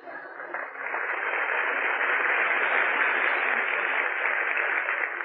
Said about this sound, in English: What? Well, go on, applaud.